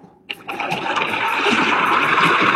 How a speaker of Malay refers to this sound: Tiba-tiba muncullah ombak yang sangat besar